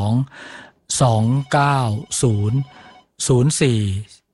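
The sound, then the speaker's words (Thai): A telephone rings for the first listener's incoming call to a radio call-in show for consulting a doctor, in a series of short, loud bursts separated by brief pauses, prominent, with a voice-like tone running through the rings. “เตรียมคำถามไว้ให้เรียบร้อยเลยนะฮะพอคุยโทรศัพท์โทรติดก็ทักทายสอบถามได้เลยนะครับอ่ะสายแรกมารอแล้วจากไหนครับ”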